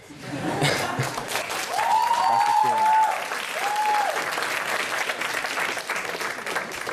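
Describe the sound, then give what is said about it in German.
An audience at a broadcast show applauds steadily for several seconds, dense clapping with a few cheers and whoops rising briefly above it. “Ich glaube, wir finden da jetzt erstmal gerade im Zwiegespräch keine Lösung, aber du hast ja das Publikum bemerkt, sie sind auf jeden Fall auf deiner Seite.”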